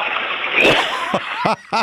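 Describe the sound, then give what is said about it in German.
A toilet flushes with a steady, fairly loud rush of water that swells briefly midway, followed by two short vocal sounds near the end. “Wir zeigen eine Klospülung.”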